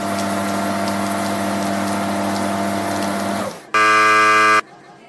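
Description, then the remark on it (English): A loud high-pressure shower wash sprays a person, hissing steadily over a droning pump hum for several seconds, then cuts off as a harsh, buzzing electronic tone blares briefly before fading to a faint hiss. “there might be slight discomfort from the high pressure wash”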